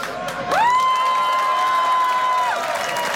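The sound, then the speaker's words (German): A crowd applauds and cheers for a folk band's violinist as he is introduced, with dense clapping noise throughout and one long, steady whistle-like cheer held for about two seconds above it. “Kräftigen Applaus.”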